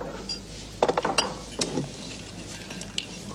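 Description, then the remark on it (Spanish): A cluster of ice cubes clinking and rattling into a glass for a bourbon, several quick bright taps close together followed by a settling clatter and a last faint clink, with no voices. “Su antecesor guardaba algo de coñac. Yo prefiero el bourbon. ¿Hielos?”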